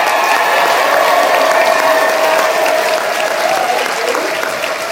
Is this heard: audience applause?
yes